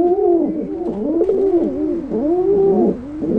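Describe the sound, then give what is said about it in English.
Soft, continuous pigeon cooing, a run of low, rounded, warbling coos rising and falling in a steady rhythm, with no voices. “It's easy to imagine, when hearing soft cooing sounds like these, why baby pigeons would rather stay in the nest.”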